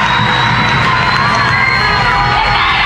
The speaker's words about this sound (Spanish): Ahí salió Cristina Fernández. Valía la pena de espera, ¿no? Escucha la ovación.